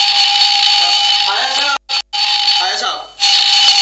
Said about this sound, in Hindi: अबे good morning के लगते अलार्म बंद कर। ये आज अलार्म क्यों लगाया है?